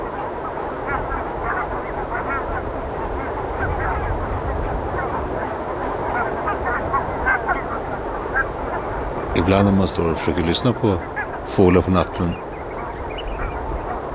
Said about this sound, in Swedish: Och för att vara gäss så är det ändå ett ganska behagligt ljud faktiskt. Det är ju ett otroligt prat hela tiden i flocken där de kommunicerar om Gud vet vad.